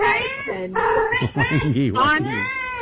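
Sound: cat meowing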